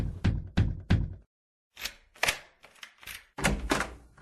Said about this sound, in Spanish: Y decidió por primera vez en su vida acercarse y pedirle un favor. Don Roque tocó la puerta.